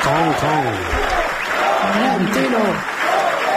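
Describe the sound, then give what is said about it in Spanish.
A large crowd applauds and cheers loudly for the arrival of president Florentino, steady dense clapping filling the whole stretch while voices shout and whoop over it. “Escuchemos la llegada del ser superior. Ríete tú de los 20 minutos de aplauso de los Javis en Carr.”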